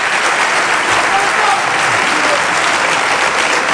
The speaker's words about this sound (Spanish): Un aplauso y un saludo para Ceuta.